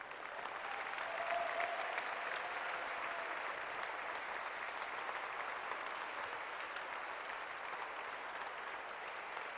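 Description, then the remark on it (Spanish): An audience applauds steadily, giving Christ a round of applause, a dense, sustained wash of many hands clapping at once, holding level for several seconds without pause or clear voices above it. “Ríndale un aplauso a Cristo.”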